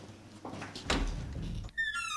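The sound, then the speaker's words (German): A door at the back is handled with some rattling and shuffling, then creaks open with a sustained, high-pitched squeak of the hinges, fairly loud. “Komm, wir gehen da hinten an die Tür.”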